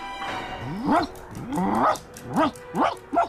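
A dog named Manja barks repeatedly, about five loud, tonal barks in an uneven rhythm, with one drawn-out bark near the start and no voices, barking at the sound of the lift in a radio drama.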